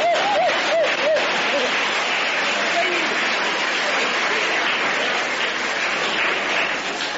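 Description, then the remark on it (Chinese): A large crowd at a table tennis match stands, claps and cheers in a dense, steady roar that holds loud for the whole stretch, with a few raised voices calling out near the start, cheering Chinese player Zhuang Zedong's first-game win. “这时全场很多观众不得不起立，为我们中国队员取得第一局的胜利而欢呼。”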